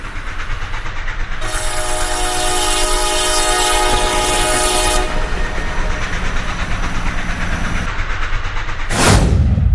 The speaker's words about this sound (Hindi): उस station master ने बताया भी नहीं कि इस वक्त कोई ट्रेन आने वाली है।